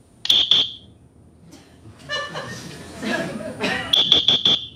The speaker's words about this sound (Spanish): Ah, bueno, pasa es que por la cámara el sonido no acaba de ser el parecido al silbato humano.